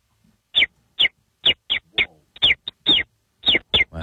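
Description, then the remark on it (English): A person whistles or chirps a bird call, a series of about a dozen short, bright chirps in an uneven rhythm with brief gaps between them. “So I think the way to test if this is truly an amazing bird is for you just to crack into your bird.”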